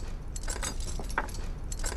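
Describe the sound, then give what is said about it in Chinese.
A ring of jail keys jingles and clinks in several quick, uneven bursts as someone looks for the key to the secret cell, metal pieces rattling against each other with a bright, tinny ring over a low background hum. “哪个是密牢钥匙啊？”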